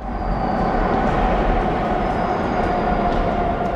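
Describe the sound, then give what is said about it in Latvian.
A subway train runs steadily, a loud continuous rumble with a faint high whine on top and no breaks or voices. “iepazīsim metro līnijas zem Eiropas upēm un skaidrosim, kā tās tapušas un kā tās spēj ilgstoši izturēt sarežģītos vides apstākļus.”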